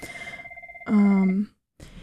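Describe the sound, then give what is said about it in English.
A phone rings with a steady, warbling electronic tone at moderate volume. A loud voiced exclamation then cuts in over it, followed by a short pause and some faint rustling. “Oh, the phone's ringing.”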